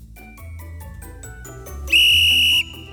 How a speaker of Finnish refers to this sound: ehti puhalta pilliin, mutta...